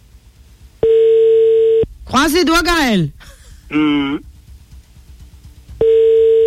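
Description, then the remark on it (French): A telephone ringback tone on an outgoing call placed through a switchboard: two steady, loud one-second tones a few seconds apart, with a person speaking briefly in the gap between them. “4 sonneries, c'est bon.”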